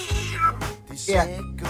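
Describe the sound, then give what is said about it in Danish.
A person imitates a cat, making two drawn-out, nasal meows in quick succession, fairly loud, with no other sounds around them. “Og så lidt kat.”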